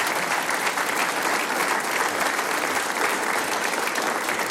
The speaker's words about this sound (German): Das ist ein Applaus. Dankeschön.